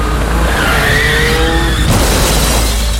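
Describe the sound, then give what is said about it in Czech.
Car tires screech loudly under hard braking, a sustained squeal that wavers in pitch for nearly two seconds before cutting off abruptly, leaving a low rumbling background. “Za sudar je potrebno dvoje, a za život kočnica i ti.”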